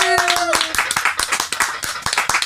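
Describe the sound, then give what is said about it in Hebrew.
A crowd claps steadily and loudly for a couple of seconds, many hands overlapping into dense applause, with a brief whistle-like tone near the start. “נו מחיאות כפיים!”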